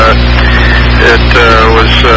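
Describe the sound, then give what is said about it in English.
Steady, loud engine drone and road rumble from inside a car making a turn in town traffic, with a low, continuous hum and a faint, muffled voice in the background. “I'm just trying to, I had to make a turn here, and I'm just trying to keep an eye on traffic.”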